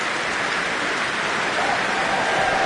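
A steady, dense wash of audience applause at a Prom concert holds at an even level throughout, with a faint sustained cheer for a horn player rising over it in the final second.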